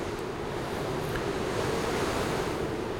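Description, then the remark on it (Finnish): Steady roaring wind of an arriving storm over crashing sea waves, a dense, continuous wash of noise filling the whole three seconds at constant loudness, with no voices. “Pirkko ei huomannut myrskyn saapuvan”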